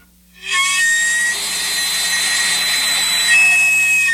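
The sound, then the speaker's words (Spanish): A sweet potato vendor's steam whistle starts after a brief silence and holds a loud, steady, shrill hissing shriek with faint whistling tones inside it, lasting several seconds without a break. “El silbato del camotero, octubre.”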